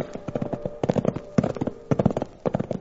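Hooves of two saddled livery horses being ridden clip-clop in a quick, uneven rhythm of overlapping hoofbeats, with steady clear knocks and no voices, riding by a railroad right of way.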